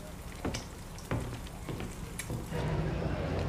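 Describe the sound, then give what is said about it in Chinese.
Steady sizzling of an egg frying in a hot pan, its yolk turning almost completely white, a dense crackling hiss with a few sharper pops, moderately loud, growing fuller toward the end. No one speaks. “盯着它，可别煎糊了。”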